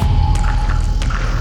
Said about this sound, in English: Bubbles rush past.